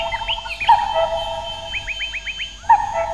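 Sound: cuckoo calling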